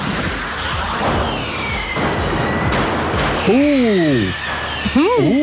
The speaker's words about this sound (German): Ich höre ein Feuerwerk.